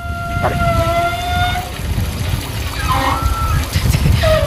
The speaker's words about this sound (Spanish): No, de los gimnasios, como tienen muchas duchas, las tuberías son más anchas. Entonces cuando empieza a pasar el agua caliente, supongo que vibrará ahora algo del estilo y hace un sonido parecido.